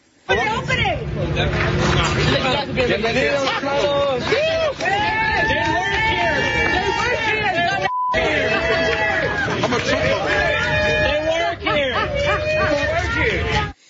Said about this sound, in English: So the crowd started to cheer them, assuming they were illegal immigrants. They were, in fact, Hispanic employees of the ICE facility. And you can hear some of the other employees mocking the crowd, being like, yo, they work here.